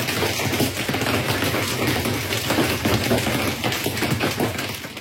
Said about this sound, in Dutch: De schade is groot, zoals aan deze lijnbus. Mensen, ik zit vast in mijn bus en mijn bovenste luiken zijn aan wiegelen door hagel. Die hagelstenen konden in de indrukwekkende wolkenpartijen uitgroeien tot formaat pingpongbal.